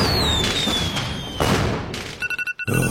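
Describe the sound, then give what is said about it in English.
Fireworks going off: a whistling rocket glides down in pitch over a roaring hiss, followed by loud booms and a quick series of crackling bursts, with no talking. “Green Mountain Fireworks, how the backyard show gets better.”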